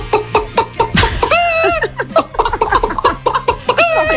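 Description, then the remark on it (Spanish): A person imitates a hen with a run of quick clucks and rising squawky calls, mixed with laughter-like bursts over about four seconds. “A ver, esto no es una imitación, es digamos un repertorio de granja de 5 estrellas. Mira, empezamos por la gallina.”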